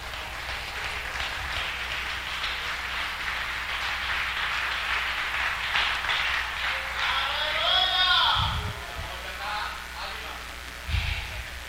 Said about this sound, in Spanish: Aleluya, dale un aplausote a Cristo.